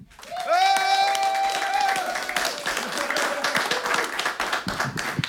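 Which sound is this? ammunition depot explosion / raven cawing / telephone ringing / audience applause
audience applause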